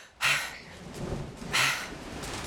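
Two sharp, bright crashes of thunder about a second apart, each fading quickly, over a steady hiss of rain-like storm noise with no voices.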